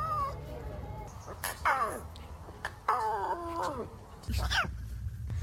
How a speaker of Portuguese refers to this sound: Isto são sons de leões bebés a tentarem rugir e não conseguem.